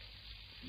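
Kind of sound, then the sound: household object, shower water running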